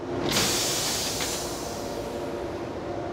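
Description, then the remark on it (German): Two halves of a passenger train bound for Munich couple together: a sudden loud burst of noise, then a steady rushing hiss of air over a low rumble, with a brief knock partway through. No one speaks. “Jetzt beim Kuppeln geht vom alten Zug das Zugschluss aus und das Zugspitzensignal von der zweiten Hälfte ebenfalls.”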